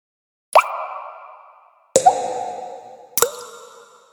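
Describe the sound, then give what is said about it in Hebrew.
Three separate drips of water leaking out through the crack of a cracked jug, each a sharp plop followed by a hollow, ringing tone that fades slowly, spaced at an unhurried, uneven pace with silence between them. “עכשיו אני מבין. מים נוזלים החוצה מהסדק שלי.”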